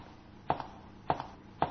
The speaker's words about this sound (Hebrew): מי הולך? אני שומעת צעדים, גם אתם שומעים?